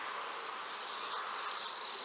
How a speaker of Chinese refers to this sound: 那个滋滋声就是我们采集到的放电声。 哦，听到了，真的。